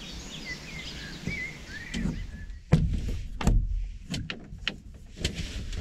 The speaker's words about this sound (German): Ja, ich bin gerade hier aus meinem kleinen Camper rausgekrochen und hier draußen ist es super ruhig. Kein Wind, nur so ein paar Vögel und es ist ein total schöner Morgen, auch ohne spektakulären Sonnenaufgang.